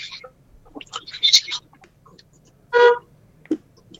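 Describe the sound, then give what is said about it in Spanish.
A single short car horn honk sounds out clearly and loudly amid scattered background noises and faint murmuring. “Bocinazo.”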